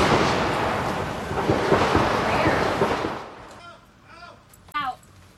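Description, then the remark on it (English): A loud, dense burst of rapid gunshots crackles for about three seconds as a reporter is about to start a news channel report, the sharp reports running together, then cuts out as voices speak briefly afterward. “was about to start a report for the channel when shots were heard.”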